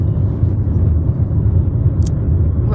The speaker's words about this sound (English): We might be the first podcast from a car on the interwebs.